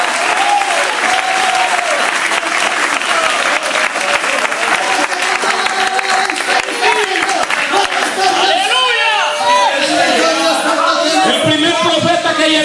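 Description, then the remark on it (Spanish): A church audience claps loudly and steadily in praise of God for the whole stretch, a dense wash of hands, with raised voices calling out over the applause in the latter half. “Vamos, vamos, aplaudan al Dios de gloria en esta hora.”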